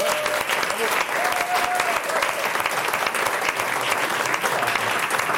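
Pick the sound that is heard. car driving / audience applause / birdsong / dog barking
audience applause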